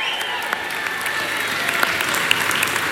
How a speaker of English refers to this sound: But first of all, we want to give a big shout out to a certain Eugene Rooney, Mayo legend, Mayo great, loved by all, who was tuned in from Florida tonight. And I'm sure all, yes, round of applause.